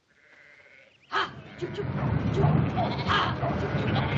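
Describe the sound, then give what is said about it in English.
A flock of sheep bleats in a loud, overlapping chorus that bursts in after a quiet second and keeps going, with scuffling and general commotion underneath. “get those sheep out now.”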